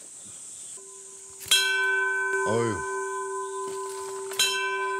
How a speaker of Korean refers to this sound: 아, 어우, 좋네요. 종소리 좋다.